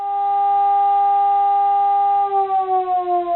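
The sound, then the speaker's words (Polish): A civil defense alarm siren, a signal lasting exactly two minutes, holds a loud, steady mid-pitched wail, then starts to pulse in volume and slowly drop in pitch near the end. No voices are heard. “Sygnał, który słyszeli państwo w tle tego materiału, trwał dokładnie 2 minuty.”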